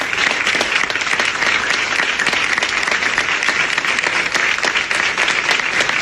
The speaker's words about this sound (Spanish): Los aplausos en la redacción de La Sexta Noticias.